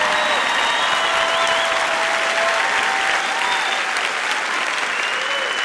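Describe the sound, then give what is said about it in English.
A large audience claps steadily and loudly, a dense, continuous wash of applause with faint scattered voices and a few brief whistles mixed in. “You might as well clap louder than that because I ain't going to shut up till you get this.”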